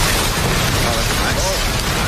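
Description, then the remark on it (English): A campfire crackles steadily, with a dense bed of hissing noise and scattered sharp pops and snaps throughout at a fairly loud, even level. “Number five, crackling campfire.”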